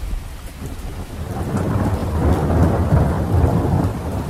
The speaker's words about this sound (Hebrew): בעוד 8 דקות מגיע מבול רציני, הייתי מדווח להם באמצעות רשת הקשר הפנימית של הספינה, ומצחקק לעצמי ברשעות, כשבדיוק 8 דקות לאחר מכן היה שוטף את הסיפון גשם זלעפות, ומרטיב אותם עד התחתונים.